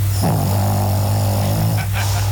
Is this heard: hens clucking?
no